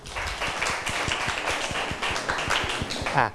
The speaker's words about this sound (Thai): ครับถูกต้องครับปรบมือเพื่อนหน่อยครับ